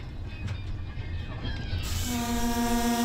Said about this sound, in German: Vorbei geht es an zerstörten Wohngebieten. Mit 30 km/h quält sich der Zug durch die Landschaft.